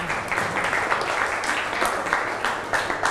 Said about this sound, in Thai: เก่งมากค่ะปรบมือเพื่อนค่ะ